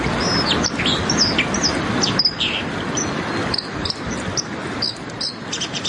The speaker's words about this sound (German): Da ist schon gut erkennbar, dass da Wasser ist. Und eine Amsel, also die Wasseramsel, so der Gesang.